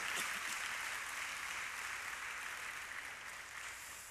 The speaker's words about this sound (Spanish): Muy bien. Si va a aplaudir al Señor, apláudale fuerte.